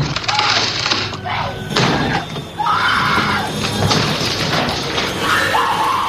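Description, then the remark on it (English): Heavy axe blows crash and splinter into a wooden door in the door-chopping scene of the film The Shining, several loud impacts at uneven intervals, while a high screaming voice rises and falls between and over the strikes. “It is the axe used to chop down the door in The Shining when this scene was shot.”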